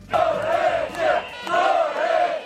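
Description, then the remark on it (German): Thousands of people chant in unison at a street protest in Tirana, Albania, against a planned luxury building project: a loud rhythmic slogan repeated in two swelling phrases with a droning, tonal shout and a brief dip between them. “In einem Video der Deutschen Welle sieht man tausende Menschen in den Straßen der Hauptstadt demonstrieren.”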